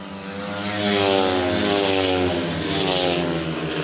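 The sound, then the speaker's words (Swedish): Loud, high-revving speedway motorcycle engines roar continuously as the bikes race around the track in a speedway heat between Lejonen and Dackarna, with Zerniak and Drabik leading for Lejonen into the third lap; their buzzing whine shifts in pitch with no voices over it. “Zerniak och Drabik leder för Lejonen in på tredje varvet. Lite följa John Speedway här.”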